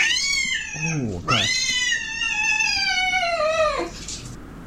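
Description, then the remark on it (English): A cat yowls loudly in two long, wavering cries, the pitch dipping low between them and sliding downward at the end, with no one talking. “I'm never going to look at a cat the same.”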